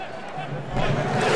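A football stadium crowd's viking thunder clap in support of Morocco, thousands in the stands clapping in unison in the 99th minute of extra time: one deep, booming unison clap bursts out of a steady wash of crowd roar, and the noise stays louder afterward.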